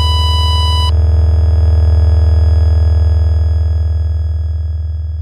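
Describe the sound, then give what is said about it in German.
A loud electronic cockpit alarm tone in a Boeing during an emergency descent: a bright, buzzy tone for about a second, then a steady low droning tone that holds unbroken for several seconds, with no voices. “50 Sekunden nach dem ersten Alarm.”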